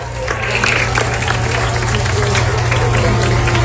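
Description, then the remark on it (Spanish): An audience applauds steadily for several seconds, a dense, loud wash of many hands clapping at once, with a low steady hum running underneath. The applause is for the students and teachers after a school evacuation exercise. “El tiempo, un aplauso para todos ustedes, alumnos, maestras, todos, 3 minutos 38 segundos.”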